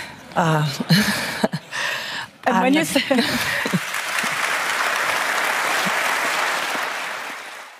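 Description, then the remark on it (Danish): A woman speaks briefly, then a large audience at an annual meeting breaks into dense, sustained applause that continues steadily for several seconds before easing slightly at the end. “Det var nok også en af de større klapsalver på årsmødet.”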